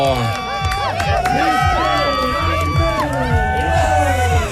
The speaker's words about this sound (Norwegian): Dette var jubelen da han kom i mål. Ja, på Gaustatoppene.